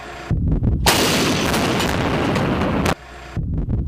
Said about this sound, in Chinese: 首轮火力打击后，考核组更新射击条件，战炮班迅速调整数据，在短时间内完成打击。